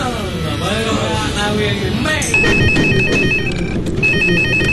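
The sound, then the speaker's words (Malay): A telephone rings with a repeating electronic trill, starting partway through and continuing steadily, fairly prominent over a busy background of overlapping voices and chatter. “Lah, telefon lah pula.”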